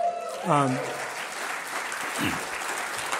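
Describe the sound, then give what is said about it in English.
Steady audience applause fills the whole stretch, a dense crackle of many hands clapping, with a brief voice or cheer rising out of the crowd near the start. “So my challenge is that everyone who applauded can become sustainers.”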